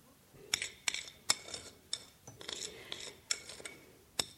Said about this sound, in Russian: Она раскладывает на тарелке только что испеченные блины.